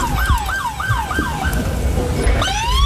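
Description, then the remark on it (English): Emergency vehicle sirens wail in quick repeating downward sweeps, loud, over a rumble of traffic, with another rising siren tone joining near the end, during a midday federal DEA raid at MacArthur Park in Los Angeles. “No, I love the fact that every live shot from the park has sirens going off and crazy people screaming at the top of their lungs.”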